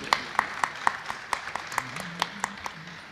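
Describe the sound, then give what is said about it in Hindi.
Applause from a small audience welcoming a ghazal singer to the stage: a steady run of distinct claps at an even, brisk rhythm, moderately loud, with a faint murmur of voices underneath. “जोरदार तालियों से उनका स्वागत किया जाए।”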